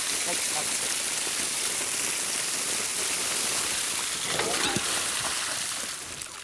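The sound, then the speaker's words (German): Steady, hissing splash of fountain water falling and spattering as it fills a water hole for animals, a dense continuous wash of bright spray with a brief burst of heavier splashing near the end before it eases slightly. “So einen schönen Springbrunnen haben wir auch noch nie gehabt.”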